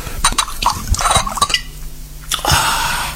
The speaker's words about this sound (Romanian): Prea bine. Mai umplem paharul.